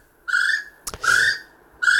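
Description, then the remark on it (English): A little spotted kiwi calls with shrill, rising whistles repeated in a slow series, each note strong and clear, with a brief click partway through and no one talking. “Yes, it is the little spotted kiwi, so well done.”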